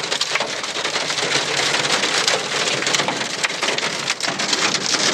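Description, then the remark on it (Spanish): Dense, intense hail hammers the roof and glass of a car stopped in the middle of Route 2 at the exit of the city of Mercedes, Soriano, in a loud, continuous clatter of sharp impacts, with no voices, only the relentless pelting for several seconds. “debió detenerse en medio de la Ruta 2 a la salida de la ciudad de Mercedes, Soriano, por la intensa caída de granizo”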